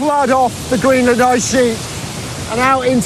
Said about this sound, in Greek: κάθε ρεύμα ποταμού πάνω στο πάγο κάλυμα καταλήγει σε ποτάμι, σε αυτό το ποτάμι